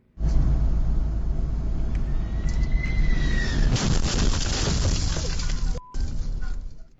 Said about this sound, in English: The wheel of a United Airlines flight arriving at Newark International Airport hit a truck while landing. This happened yesterday. Thankfully, the man driving the truck only suffered minor injuries. The jet was flying in from Venice and landed safely